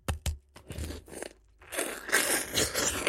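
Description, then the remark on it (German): Someone bites into a fuzzy-skinned fruit with the skin on: a few sharp, crisp snaps of the first bites, then a stretch of loud, wet, crunchy chewing of the fruit and its skin with no talking. “Ich beiß jetzt rein, ja?”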